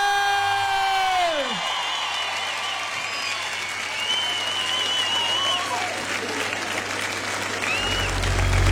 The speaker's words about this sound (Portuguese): Façam barulho, Cascais! Agora sim! Senhoras e senhores, um grande aplauso